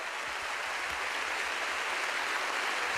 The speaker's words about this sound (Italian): E io vorrei che, anzi, visto che l'applauso l'abbiamo fatto bello, ma dobbiamo arrivare in tutta Europa, lo facciamo ancora più potente per tutti gli amici in tutta l'Europa. Da Castel di Lama, ecco l'applauso!